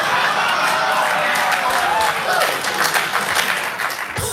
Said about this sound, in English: Applause.